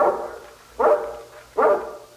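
A guard dog, of a breed used as guard dogs by mountain people and nicknamed Sokol, barks three times at a steady pace, each bark loud with a short ringing tail, and no voices alongside.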